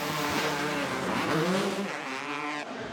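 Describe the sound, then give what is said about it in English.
Motocross bike engines, including an old Honda and a brand new KTM, rev loudly together as the gate drops for the championship race at Straight Rhythm, a dense, buzzing roar, their pitches rising and falling in overlapping waves before easing slightly at the end. “Revs are up, gate is down.”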